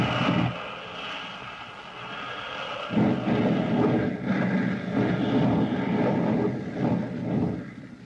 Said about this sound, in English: Suddenly, the motor sputters and coughs. A spray of oil whips back along the fuselage. With an angry whine, the gallant plane dives toward the ground.